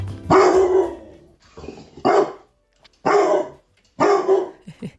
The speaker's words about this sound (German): Und ordentlich bellen kann Criso auch.